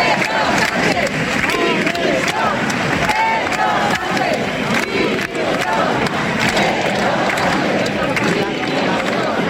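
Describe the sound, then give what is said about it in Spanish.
A large crowd chants at a political rally, many voices shouting together in loud, rhythmic bursts that run continuously without pause, with a dense roar of cheering underneath. “Estos eran algunos de los cánticos que se escuchaban.”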